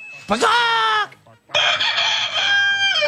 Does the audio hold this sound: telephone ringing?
no